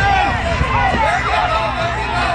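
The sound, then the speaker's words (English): A loud, steady crowd hubbub at the Second Harvest Truck Pull charity event in Nathan Phillips Square, where people pull four massive trucks with a long chain: many overlapping voices, with shouts and cheers rising and falling throughout, and a low rumble underneath. “That's the sounds of the Second Harvest Truck Pull here at Nathan Phillips Square, raising money for the organization trying to battle food insecurity.”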